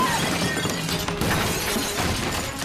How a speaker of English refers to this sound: He's just crashed the window. I think he's in the house right now.